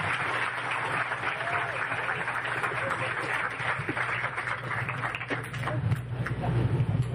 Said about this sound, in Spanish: Un aplauso para nuestra Secretaria Privada.